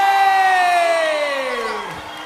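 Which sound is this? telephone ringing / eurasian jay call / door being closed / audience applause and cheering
audience applause and cheering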